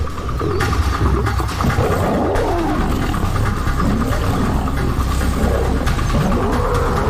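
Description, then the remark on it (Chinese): Two male lions, Cecil and Leander, attacking a lone older male lion in northern Hwange National Park: a loud, unbroken stretch of deep, rasping roars and snarls that surge and overlap for several seconds, with no talking. “塞西尔和利安德清楚，这只公狮的弱点在于没有并肩作战的伙伴，他们勇猛地发起攻击。”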